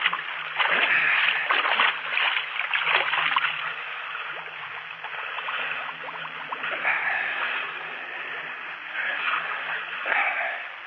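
Continuous sea water splashing and sloshing, with choppy bursts of spray rising and falling throughout, over a low steady hum.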